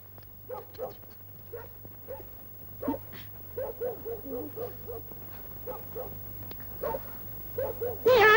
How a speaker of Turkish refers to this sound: Bu köpek ne havlayıp duruyor be? Birisi mi var dışarıda? Aa, yok, kim olacak babacığım? Küçücük köpek bu, hav hav havla!